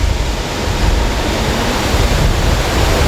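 A steady, loud roar of rushing water at the start of the cold canal of a nuclear power plant's shore pumping station, where Danube river water is lifted 13 metres and flows through a canal about 7 km long to the plant; constant and unbroken with no voices.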